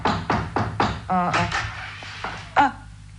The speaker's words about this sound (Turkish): Kapıyı yumruklamayı deneyelim bir de. Yine de duymazlarsa bil ki evde yoklar.